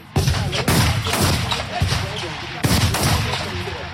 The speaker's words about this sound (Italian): I colpi di fucile arrivano a intervalli irregolari, poi nell'aria si fa largo l'odore dello sparo, un misto di polvere bruciata e grasso per armi.